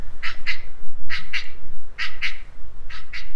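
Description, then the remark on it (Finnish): A northern shoveler duck calls in four evenly spaced pairs of short, nasal, mid-pitched notes, giving a steady double-beat rhythm over a faint low rumble, with no talking. “ja käsittääkseni tämä on tämmöinen leimallisesti Lounais-Suomen lintu tai Lounais- ja Etelä-Suomen lintu, mutta tarkemmin lapasorsan esittelee tänään Pertti Koskimies täällä Radio Yhdessä kello 18.30.”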